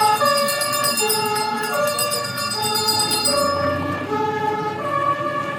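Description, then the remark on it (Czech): The siren of a 1929 Praga vintage fire engine (3824 cc, 40 hp, about 2.5 tonnes) at a veteran car rally blares in a steady two-tone pattern, alternating high and low pitches over and over, with a low engine rumble underneath and no talking. “Pozornost milovníků veteránů získal i tento hasičský vůz.”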